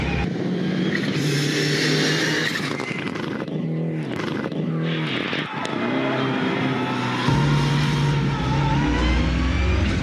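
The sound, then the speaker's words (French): The engine of an Evo 6 sports car revs loudly and continuously during a test drive, its deep growl rising and falling in pitch through several gear changes, with a brief dip in the middle before it surges again; the engine has lots of torque and tops out around 5500 to 6000 rpm. “Le moteur a beaucoup de couple, c'est assez incroyable.”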